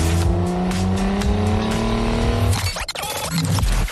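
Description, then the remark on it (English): A car engine revs hard and accelerates, its pitch climbing steadily, then tires squeal sharply as it speeds off, ending in a rough burst of engine and tire noise. “How about a Lyft? Hop in.”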